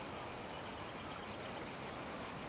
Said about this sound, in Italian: Cosa sarebbero le rive del Mediterraneo senza il canto delle cicale?